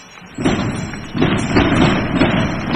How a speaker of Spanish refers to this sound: Impresionante salva de cohetes que hemos escuchado desde todo el área metropolitana de Granada.